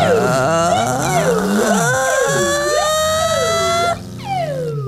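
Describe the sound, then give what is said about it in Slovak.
A voice imitates an ambulance siren, wailing up and down in steady repeated sweeps for several seconds, loud, with a brief dip near the end before the wail resumes. “Rýchlo urobte záchranku.”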